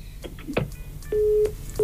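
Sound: telephone line tone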